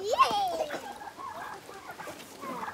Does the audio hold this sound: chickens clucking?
yes